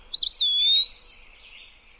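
A single bird's pip call rings out alone, a clear high whistle lasting about a second that sweeps up briefly then holds and trails off, fairly loud.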